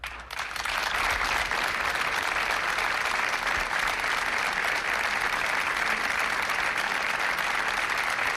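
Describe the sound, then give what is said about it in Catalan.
A crowd of over a hundred people in Roda de Barà, Tarragonès, bursts into sustained applause ending an evening minute of silence for two women killed in Saturday's floods, dense steady clapping from many hands continuing evenly at full strength, no voices standing out. “Són els aplaudiments que han trencat el minut de silenci que Roda de Barà, el tarragonès, ha dedicat aquest vespre a les dues dones que han mort a causa dels aiguats de dissabte.”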